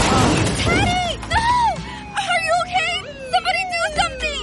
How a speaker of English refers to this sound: Was this young man hit by a car? Yes, and his helmet is smashed. It's a brand new helmet.